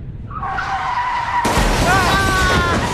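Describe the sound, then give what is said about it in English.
A motorcycle's tires screech in a rising skid, then a sudden loud burst of noise hits as it crashes into a car, with the screeching and rumbling continuing. “I think a motorcycle just ran right into us.”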